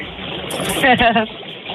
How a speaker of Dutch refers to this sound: Staan de bubbels al aan